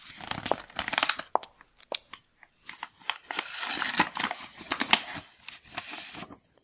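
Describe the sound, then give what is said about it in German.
Paper crinkling and tearing as a letter found at home is opened, a run of irregular crisp rustles and short rips, fairly loud, with brief pauses between bursts and no voices. “Ah, ein Brief.”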